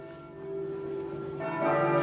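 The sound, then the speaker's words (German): Church bells in Reykjavik, Iceland, having just begun to ring, ringing steadily with sustained, overlapping tones that swell slightly louder toward the end, with no talking. “Ja, das Nein kam vielleicht so überraschend wie die Kirchenglocken hinter uns, die gerade zu läuten begonnen haben.”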